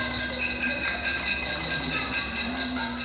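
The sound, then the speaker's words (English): Residents of Havana, Cuba, bang pots and pans at night in protest over power outages and water cuts: a steady, loud din of overlapping metallic clangs with bright ringing tones and irregular rapid strikes, continuing without pause and with no voices standing out. “Residents were heard banging pots and pans after calls on social media to protest power outages that have become all too common for Cubans.”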